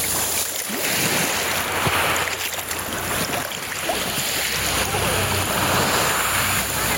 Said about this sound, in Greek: Αυτόν τον ήχο της θάλασσας, παιδιά. Γαλήνη. Μια θάλασσα πεντακάθαρη. Λάδι σήμερα, σχεδόν λάδι τέλος πάντων, γιαούρτι όπως θέλετε πείτε το.